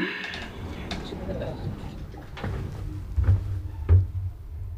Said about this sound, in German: Tür schließt.